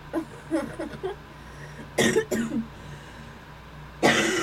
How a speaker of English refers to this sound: Sorry, I have this awful cough.